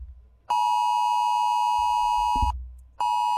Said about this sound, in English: Now, today at 2 p.m, there is the emergency, the national alert test. You'll be hearing this sound. It'll come through your phone at 2 p.m.